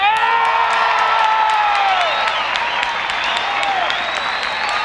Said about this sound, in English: Let's give a real Georgia round of applause for a Georgia friend.